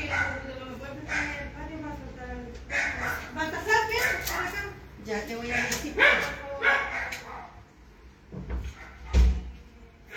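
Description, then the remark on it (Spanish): A house door is opened, with a couple of solid clunks near the end, while a dog barks repeatedly and people talk throughout. “Ya, un momentito, me esperan un poquito, voy a abrir la puerta.”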